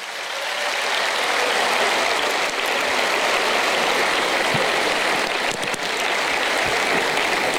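A crowd applauds Ant's parents steadily for several seconds, a dense, even wash of clapping that stays loud throughout, with no voices heard over it.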